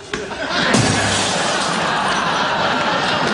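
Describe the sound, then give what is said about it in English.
A sharp thump as a computer is kicked, then a loud, sustained crash of smashing and clattering debris, noisy, with what sounds like audience laughter mixed in. “Tell you what, let me try booting it.”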